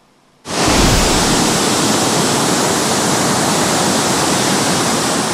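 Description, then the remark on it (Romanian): A loud, steady roar of rushing floodwater from a river in Buzău County that overflowed its banks after torrential rains, destroying a bridge. It starts abruptly after a brief silence and continues unbroken, a dense churning hiss with no voices. “Un râu care a ieșit din matcă a distrus un pod și a izolat două sate.”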